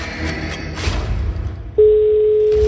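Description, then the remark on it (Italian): After a moment of muffled background noise, a loud, steady electronic telephone ring tone begins and holds as one unbroken tone to the end. It is the first ring of an incoming call to a studio phone-in game. “Ed è già il primo squillo, onde.”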